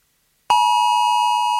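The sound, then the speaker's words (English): A loud, sustained mobile phone emergency alert alarm tone, about 10 seconds long, begins abruptly after a brief silence, a steady piercing pitch with bright harmonics, holding without pause and no voices present. “It's going to be about a 10-second alarm. And if you want to know what it sounds like, hang on, I've got it right here for you.”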